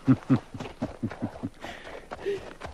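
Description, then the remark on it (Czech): A horse's hooves clip-clop in a steady run of about seven even steps as a horse is brought, then give way to a shuffling, rustling noise with a brief vocal sound. “Koně! Přiveďte koně! Musíš pokračovat v cestě.”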